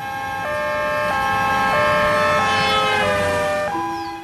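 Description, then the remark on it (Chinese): A loud two-tone ambulance siren alternates steadily between high and low pitches, holding strong for several seconds before dipping at the end, with faint road rumble beneath and no talking. “痛死我了，哎呀，傻等什么呢，赶紧叫救护车呀。”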